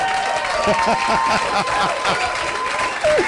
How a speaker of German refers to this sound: Das hat jetzt zwar geklungen, als hättest du alle Gläser aus dem Kasten geworfen, aber ein Applaus ist es mir wert.